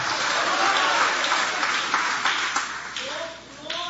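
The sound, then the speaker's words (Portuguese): An audience applauds Jesus in worship in a dense, steady wash of clapping, with scattered louder claps and voices calling out over it, fading slightly toward the end. “Aplaude a Ele, pode adorar, pode glorificar o nome dEle com alegria.”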